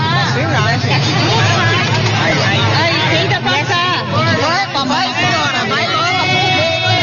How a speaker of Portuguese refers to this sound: Um absurdo, gente. Um absurdo, viu? Terrível, terrível, terrível. O ônibus lotadaço, lotadaço.